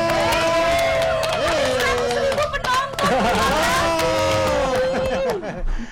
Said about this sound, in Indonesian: Tepuk tangan semuanya.